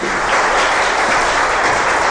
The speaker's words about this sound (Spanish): ¿Cuántos dicen gloria a Dios? Un fuerte aplauso al Padre generoso.